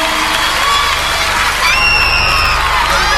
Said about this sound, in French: Bravo. Eh, on peut l'applaudir plus fort que ça. Bravo.